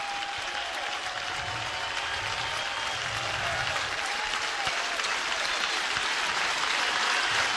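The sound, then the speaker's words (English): A large stadium crowd at a Huskers baseball game claps and cheers to support their pitcher in the bottom of the first inning, a steady, dense wash of applause that holds for several seconds and swells slightly toward the end. “Let's help him out here, crowd.”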